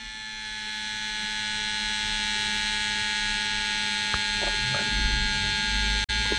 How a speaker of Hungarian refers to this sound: És egyébként ugye egészen keményen rászorítja magát ezt a kis felfújható párnát a csuklóra, és akkor úgy méri, és egész hosszan méri, hallhatjátok, még mindig zúg.